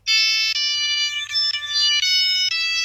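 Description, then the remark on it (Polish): A loud, shrill monophonic Nokia 3310 ringtone, generated directly by the phone rather than studio-recorded, plays a short melody of sustained electronic beeps, stepping between a few pitches, with a faint low hum beneath and no voices. “To znaczy, że dzwonek nie jest nagrywany studyjnie, tylko jest bezpośrednio tak zrobione.”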